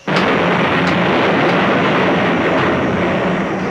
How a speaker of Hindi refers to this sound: तभी बादलों की तेज गड़गड़ाहट, दहाड़, पत्थर टकराने की भयावह आवाजें आने लगती हैं।